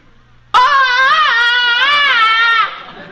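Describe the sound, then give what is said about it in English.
Tarzan's famous movie jungle yell: a man's voice lets out a loud, sustained yell lasting about two seconds, its high pitch warbling up and down in repeated ululating swoops before cutting off abruptly. “I'd like a sample of that famous movie yell of yours.”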